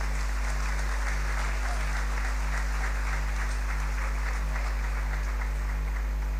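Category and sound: crowd, applause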